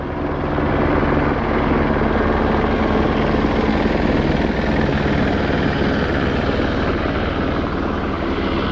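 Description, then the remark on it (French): A gendarmerie helicopter flies fairly low over a village at night, sweeping it with a large searchlight, its rotor thumping in a fast, continuous low pulse that stays loud overhead for the whole stretch, with no voices. “Dans la nuit de jeudi à vendredi, un hélicoptère de la gendarmerie a survolé assez bas le village de l'eau qu'il a balayé de son gros projecteur.”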